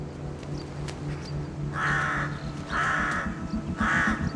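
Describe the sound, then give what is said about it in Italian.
Three harsh, raspy crow caws repeat in a steady rhythm, each about half a second long, loud over a low background rumble, on the cliffs of Amorgos, Greece. “Ai corvi non piacciono le aquile.”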